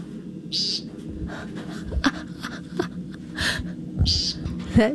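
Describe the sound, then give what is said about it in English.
Short, buzzy nasal calls of an American woodcock repeat several times at irregular intervals over a steady low outdoor rumble with faint other evening sounds. “So they have one of the most distinctive sounds of a spring evening.”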